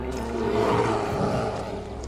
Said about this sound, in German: Ist bestimmt nur ein Reh.